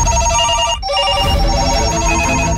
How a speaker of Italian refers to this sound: Sente questi telefoni che non smettono di suonare? Vogliono tutti Marco.